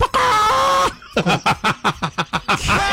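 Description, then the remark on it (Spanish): A person vocally imitates an angry rooster calling a hen: a drawn-out, strained crowing note, then a quick run of about ten clucking bursts, ending on another held cry. Loud. “Así es que llama el gallo a la gallina cuando sobra”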